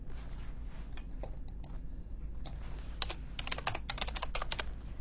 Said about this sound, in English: The next ASMR you will hear is some mouse clicks. I know you love that. And keyboard clicks.